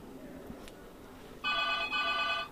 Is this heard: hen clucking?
no